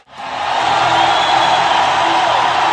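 A large crowd at a San Jose Sharks vs Toronto Maple Leafs hockey game roars and cheers as the Sharks, leading 3-1, get a power play. It is a loud, sustained wash of noise that rises quickly at the start and holds steady throughout, with scattered whoops and yells mixed in.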